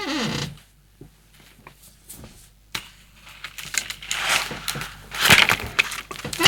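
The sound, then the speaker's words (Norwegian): A chair creaks and crackles in an irregular run of dry, scraping creaks, swelling louder toward the end, with no talking over it. “Så smart at det en stol som knikker sånn.”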